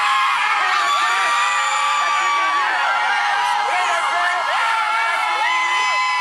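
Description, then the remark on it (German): Football fans cheer and scream continuously as Haiti's blue World Cup team bus pulls up outside the team hotel in Boston on a Thursday, high-pitched shouts and whoops overlapping into a loud, sustained roar of excitement. “Als Haitis blauer Mannschaftsbus am Donnerstag vor dem Teamhotel in Boston vorfährt, gibt es bei den Fans kein Halten mehr.”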